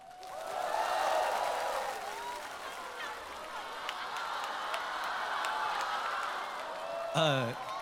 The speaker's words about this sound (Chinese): 下面用掌声欢迎对决双方一同出场。